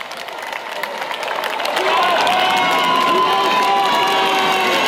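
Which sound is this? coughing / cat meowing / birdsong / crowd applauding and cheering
crowd applauding and cheering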